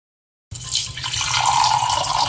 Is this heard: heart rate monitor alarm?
no